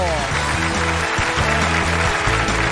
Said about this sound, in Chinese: 掌声欢迎。